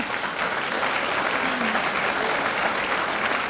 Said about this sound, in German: Die Erste, da geben wir gerne einen Applaus, bitte sehr.